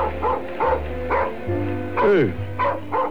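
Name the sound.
dog barking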